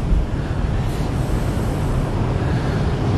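Strong wind roars steadily outdoors at the sea, a dense low rumble buffeting the microphone for the whole stretch, with a broad hiss above and no voices.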